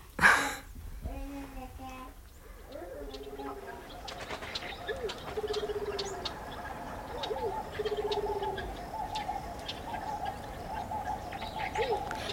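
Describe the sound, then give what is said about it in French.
Pigeons coo again and again in soft, low, rounded calls over a steady outdoor park hum in the Jardin du Luxembourg on an afternoon, with faint higher bird chirps scattered through the background. “Un après-midi, au jardin du Luxembourg.”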